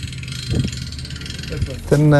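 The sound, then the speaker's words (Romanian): A seaweed-harvesting boat engine idles at a marine aquaculture farm, one of two boats facing each other, with a steady low, rumbling drone that runs the whole time, while a voice speaks over it and grows louder near the end. “Iar acum a venit momentul să fie recoltate, folosind 2 embarcațiuni aflate una în fața celeilalte.”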